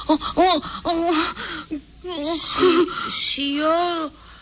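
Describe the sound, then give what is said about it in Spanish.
A woman cries and sobs, a string of wavering, breathy wails broken by short gasping breaths, fairly loud and steady throughout, with no words spoken. “Estoy llorando.”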